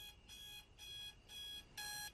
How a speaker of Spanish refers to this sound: Su despertador dice 3 a.m. y ella lo apaga con un golpe.